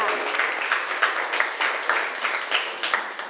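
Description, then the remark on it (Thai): A group of students in a class lesson claps for themselves in dense, steady applause lasting a few seconds, with brighter individual claps popping out of the crackling wash of hands. “เก่งมากเลยปรบมือให้ตัวเองหน่อยค่ะ”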